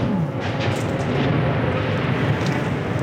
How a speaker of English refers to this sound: And that was a Russian drone strike not too far away. I recorded that on my phone. These jet-powered drones move very fast.